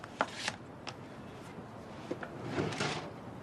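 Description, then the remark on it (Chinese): A drawer slides open with a few sharp clicks and a soft rattle as a small knife is picked out, then a longer scraping slide. Quiet, with no talking. “她从抽屉里拿出一把小刀藏在口袋里，然后打开了房门走到门外。”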